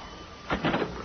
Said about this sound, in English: As soon as the door opened, I put my foot in it.